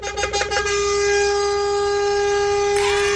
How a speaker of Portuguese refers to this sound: Oferecer essa música pra todos que estão ouvindo a Nativa e todos motora que essa hora estão no trecho acordado aí. Uma buzinada pra vocês e tudo de bom, hein?